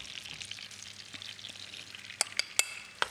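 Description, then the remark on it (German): Minced meat sizzles steadily as it is browned in a frying pan, a dense crackling hiss at moderate volume, punctuated by a few sharp clicks and pops near the end. No one speaks. “Aber die brät schon. Jetzt braten wir hier unser Hack an.”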